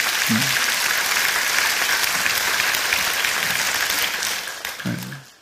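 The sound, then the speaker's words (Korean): A church audience bursts into sustained applause offered as praise to God during a sermon, a dense, even wash of many hands clapping that holds steady for several seconds before tapering off, with a few brief low voices or shouts mixed in. “하나님께 우리 영광의 박수 올려드립시다.”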